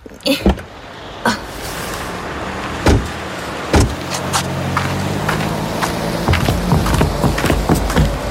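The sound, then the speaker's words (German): Sharp clunks and thumps of someone climbing out of a car parked in front of a music shop, with a car door being handled, then a steady low rumble of traffic or an idling engine outside. “So, lass uns mal aussteigen.”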